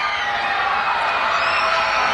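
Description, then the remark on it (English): A baseball crowd at a Reading versus Somerset game, prompted by the scoreboard, cheers loudly and continuously, a dense, steady roar of many voices with scattered whoops and shouts rising through it for the whole stretch. “Crowd prompted to get loud by the scoreboard.”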